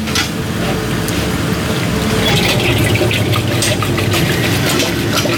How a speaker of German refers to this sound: Also wir tun das jetzt in die Eismaschine rein. Die Eismaschine kühlt das Eis dann runter, macht die Bindung. Das kommt jetzt in die Maschine.